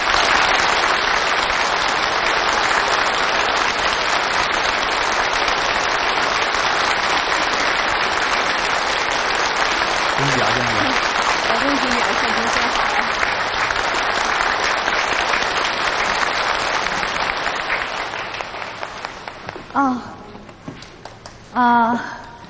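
Sustained, loud applause from a large crowd, a dense even clatter of clapping that carries on for about twenty seconds before thinning out. A few voices surface briefly near the end.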